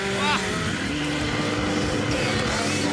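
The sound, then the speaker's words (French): A motorcycle engine runs steadily, a loud continuous rumble with harmonic tones that waver slightly over the three seconds, and a voice faintly mixed in beneath it. “Non, communion avec la moto ou pas ?”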